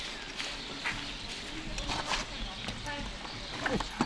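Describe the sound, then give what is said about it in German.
Horse hooves clop irregularly on a hard floor amid a busy stable bustle at a riding farm, as riders tend to their horses after a day in the saddle, with scattered knocks and rustling and faint voices mixed in. “Trotzdem müssen sie noch ihre Pferde versorgen.”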